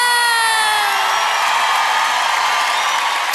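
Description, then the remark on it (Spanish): A loud, steady burst of crowd cheering and applause, with a high whoop sliding downward near the start, filling the whole moment without any talking. “Un aplauso”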